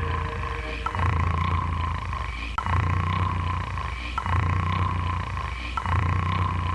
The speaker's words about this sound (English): You're snoring.